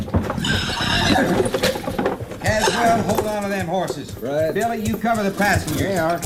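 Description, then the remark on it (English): Several horses whinny and neigh loudly over rhythmic clopping hooves, with a faint metallic clatter mixed in and voices talking underneath. “Hold on to them horses.”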